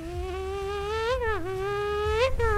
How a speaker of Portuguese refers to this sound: Você querendo dormir o pernilongo lá de madrugada. Isso é um perigo se acertar o cônjuge. Nossa, que isso? É, que mosquito, ele é sorrateiro.